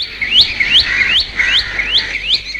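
A bulbul repeats quick, bright rising chirps, about six in steady succession over a couple of seconds, clear against a faint low background hum, with no one speaking.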